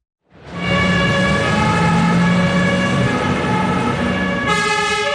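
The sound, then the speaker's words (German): Several Lucerne fire brigade engines pull out of the fire station to respond to an alarm, sirens blaring, a steady wail layered over the low rumble of heavy engines, loud and continuous, with a brighter siren tone cutting in near the end. “Die Feuerwache der Luzerner Feuerwehr gestern Nachmittag. Gerade mehrere Fahrzeuge rücken wegen einem Alarm aus zum Einsatz, zu einem von gut 1400 pro Jahr.”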